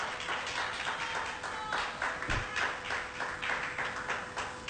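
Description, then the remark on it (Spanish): An audience claps their hands to the Lord while taking their seats, a steady, dense wash of applause, many overlapping claps forming a continuous bright patter with faint rhythmic pulses throughout. “Gloria a Dios con esas palmas.”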